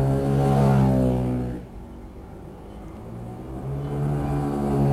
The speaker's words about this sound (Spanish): Y nos dice que es una moto. Efectivamente, el sonido de hoy es una moto.